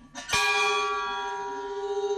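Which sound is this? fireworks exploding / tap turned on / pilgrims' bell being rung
pilgrims' bell being rung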